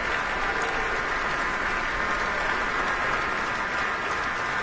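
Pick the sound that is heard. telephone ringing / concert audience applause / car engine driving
concert audience applause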